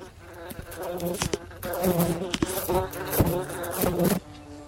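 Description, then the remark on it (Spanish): A cicada of the species Cicada lacunae texcocensis buzzes steadily and loudly, its droning hum swelling and dipping in pulses with brief sharp clicks, continuing for several seconds before easing off at the end. “Aunque su nombramiento de mosca responde más a un entendimiento coloquial debido a su tamaño y color, este insecto realmente pertenece a la familia de las cigarras, siendo su nombre científico Cicada lacunae texcocensis.”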